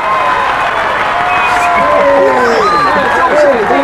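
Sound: large crowd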